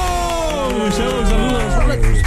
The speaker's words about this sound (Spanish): Oigan, aplaudan más fuerte, aquí muchachos.